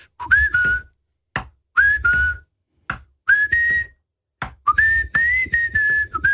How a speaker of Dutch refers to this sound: Kijk hoe je muzikale kennis is. Oké, en hoe goed jij kan fluiten.